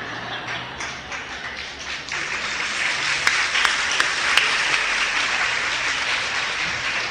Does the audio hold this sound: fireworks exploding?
no